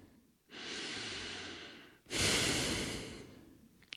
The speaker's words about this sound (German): Sie hebt den Kopf in die wärmende Sonne und atmet tief aus und tief ein.